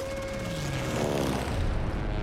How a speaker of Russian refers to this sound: Светящиеся трассы пуль в сторону корабля. Корабль взрывается. Самолет пролетает над горящим кораблем.